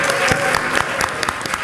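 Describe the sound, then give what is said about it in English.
A live audience at a community tour event at the Cleveland Metro Park Zoo breaks into steady applause for themselves, many hands clapping in a dense, even wash of sound that stays loud and sustained throughout. “Round of applause for yourselves, please.”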